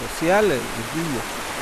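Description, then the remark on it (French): Steady rushing water of a river where local villagers fish fills the background with an even hiss, while a voice speaks briefly over it. “Cette rivière est une ressource économique et le cœur de la vie sociale de nos villages.”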